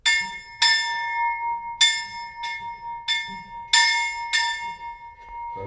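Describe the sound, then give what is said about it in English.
An old bell from the original 1796 forestry school is rung by hand about seven times in an uneven rhythm, each bright metallic clang ringing on and overlapping the next, fairly loud, with no talking. “And we have tradition when our student finish the maturity exam in our school, they can ring on this bell.”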